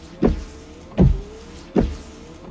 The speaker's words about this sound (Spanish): Give up? It's Rain-X wiper blades.